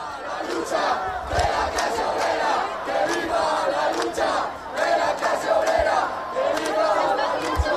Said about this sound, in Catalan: També s'han sentit insults en contra del president del govern estatal i des de dins, després d'un fort cordó policial, els crits des de l'acampada són aquests.